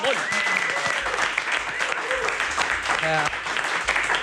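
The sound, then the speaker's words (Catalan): An audience applauds a female trial world champion steadily throughout, a dense, loud wash of clapping with some cheering and voices mixed in, continuing for several seconds without a break. “Campiona del món, aplaudiu-ho, sisplau.”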